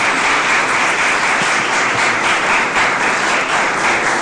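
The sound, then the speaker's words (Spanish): A church audience applauds the Lord during a Spanish-language sermon, a dense, steady wash of many hands clapping at once, loud and sustained throughout with no voices standing out. “Den un aplauso, otro aplauso a nuestro Señor.”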